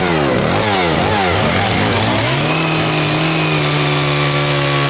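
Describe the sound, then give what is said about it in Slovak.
A petrol chainsaw roars continuously as a sculptor carves a monumental sculpture into a beech trunk at the 5th Vlnoobjekt FX event. Its engine pitch surges and dips through the first seconds, then settles into a steady, loud high-revving whine. “Ten na úvod pripomenul, že autori monumentálnych svoch pri práci spotrebujú aj 5 litrov benzínu denne.”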